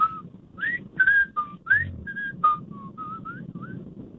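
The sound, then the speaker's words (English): A radio show caller whistles the theme tune of The Andy Griffith Show over the phone: a quick melody of about a dozen short, mid-pitched notes over a low background rumble. The later notes turn fainter and thinner, as though running out of breath. “That's the worst Andy Griffith attempt I've ever heard.”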